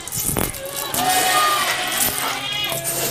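Several black goats on a goat farm bleat in overlapping, wavering cries while the herd shuffles and gathers for a feed of broad bean husks, with a steady busy background of farm noise.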